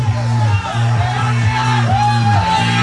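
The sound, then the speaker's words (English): A loud, dense crowd of about 36 people surrounding a game, Techno Ball, shouts and whoops, the noise continuous throughout, layered over a steady low droning tone that pulses in a regular rhythm about twice a second. “we see them in the distance, and there's a crowd of 36 people surrounding the game.”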